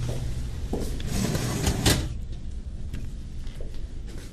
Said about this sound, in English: Will you help me get the oven door? Sure will. All right, pull that out for you.